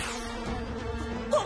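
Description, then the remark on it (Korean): A bee buzzes steadily, a continuous droning hum with a slight swell near the end. No voices are heard. “벌이다! 쏘지 마!”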